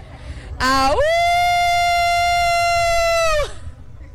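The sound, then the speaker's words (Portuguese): A woman imitates a wolf howl: one loud, sustained vocal cry that swoops upward at the start, holds a steady high pitch for about three seconds, then cuts off. “E ganhei, uivei.”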